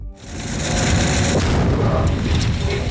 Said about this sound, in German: Ein Minenräumer von Dicker wühlt sich durch den Boden, trifft auf eine Mine, eine Explosion. Der Minenräumer wühlt weiter, als wäre nichts geschehen.